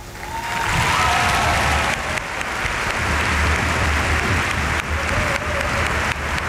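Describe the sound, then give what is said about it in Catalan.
Sustained audience applause for coach Pedro Romeu, a dense wash of many hands clapping at a steady, fairly loud level for several seconds without any speech over it. “Aplaudéis, Pedro Romeu.”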